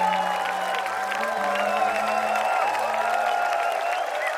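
Steady applause from a concert audience, a dense wash of clapping with scattered cheers and whoops, sustained at an even loudness throughout with a low hum underneath.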